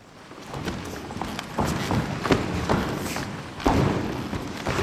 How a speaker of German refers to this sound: Warm-up auf dem knarzenden Holzboden der Aula in Sulzbach. Das Ensemble durchschreitet und durchstampft den Raum und erforscht so Schritt für Schritt die Möglichkeiten, die er auch akustisch bietet.